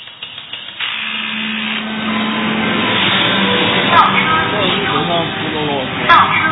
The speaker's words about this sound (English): Chinese factories echo with a rhythm created by both man and machine. These robot arms need human hands. They drill, they check.